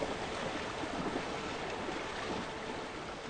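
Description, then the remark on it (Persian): A steady, dense rush of churning river water roars continuously and loudly, with no pauses or voices, a strong current surging past at a river crossing used by zebras. “و بالاخره تمامشان جریان های شدید آب را ترجیح می دهند و به همین ترتیب شاید بتوانند خود را به صورت محفوظ به آن سوی دریا برسانند.”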